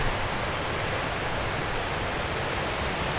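Waves crashing on rocks, heard as a steady, dense roar of surf that stays constant without distinct individual breaks. Fairly loud, with no voices.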